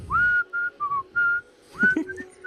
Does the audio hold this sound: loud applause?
no